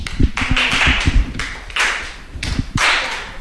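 Flamenco palmas: crisp, sharp hand claps in a steady, driving rhythm, with quick accented bursts and lighter taps between them, played alone without any voices.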